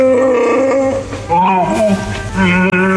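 A loud creature roar, the voice of Chewbacca, with a rough, growling, dog-like timbre that director George Lucas modeled on his own Alaskan Malamute dog, Indiana. It rises and falls in pitch through a few drawn-out bellows over about three seconds, with no talking.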